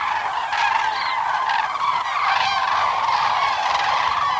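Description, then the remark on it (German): A dense chorus of trumpeting calls from cranes in evening flight over the heads of crane watchers toward their roosting places on the flat Bodden waters, in the area of Bramort, Großer Werder and Kleiner Werder. The calls sound steadily for the whole stretch, many overlapping honking voices at a fairly loud, even level with no talking. “Mit einem zufriedenen, satten, trompetenähnlichen Geräusch ziehen sie abends über die Köpfe der schaulustigen Kranichbesucher in Richtung ihrer Ruheplätze.”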